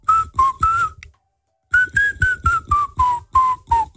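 A person whistles a tune in short, bouncy repeated notes, pausing briefly before continuing the melody with a steady, march-like rhythm; no one speaks.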